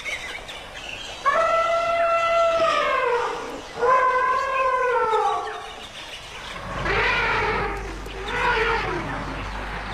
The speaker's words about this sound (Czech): Tam opravdu byla vidět jenom ta obloha a ty hvězdy a pod tím to dupání a funění a troubení slonů a ty malé sluněta, které si tam mezi sebou kočkovaly u toho napajedla.